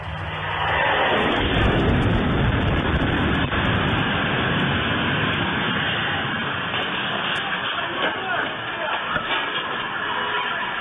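Russian jet-powered Shahed drones roar overhead, a loud, steady, hissing engine rush that swells in within the first second and holds continuous for about ten seconds, with no talking.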